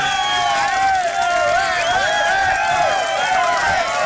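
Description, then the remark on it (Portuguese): A crowd cheers and applauds steadily for about four seconds, with many overlapping voices whooping and calling out at a constant, loud level. No single speaker stands out. “Nossos 5, 6 ouvintes, um aplauso.”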